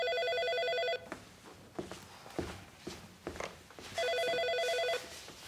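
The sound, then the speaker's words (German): A phone rings in two bursts, each about a second long, with a bright, warbling electronic trill separated by a pause filled with shuffling footsteps and rustling movement. “Ah, das ist Julia. Du, Julia, ich mach dich mal laut, ja?”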